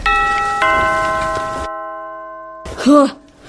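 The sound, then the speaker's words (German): A doorbell chimes twice in quick succession, its bright tones ringing on and slowly fading, before a short voiced exclamation cuts in at the end. “Ich klingel jetzt auch nochmal.”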